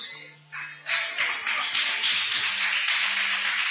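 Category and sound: crowd, audience applauding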